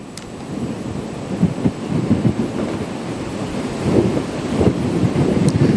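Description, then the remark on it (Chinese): Loud, continuous roar of storm wind with rain from a typhoon's outer cloud bands in Shipu town, Xiangshan County, Ningbo, Zhejiang, China: a dense low rumble swelling and buffeting the microphone in gusts, with no voices. “在浙江宁波象山县，今天上午受到台风外围云系的影响，当地已经出现大风和短时的降雨。”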